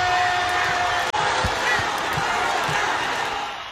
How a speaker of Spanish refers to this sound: aplauso para gente.